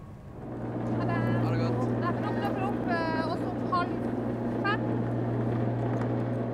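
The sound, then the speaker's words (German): A light ferry with only one metre of draught drones steadily and low as it moves through the water, with indistinct voices rising briefly over the constant engine rumble. “Das Schiff ist für einige Bewohner hier das einzige Verkehrsmittel.”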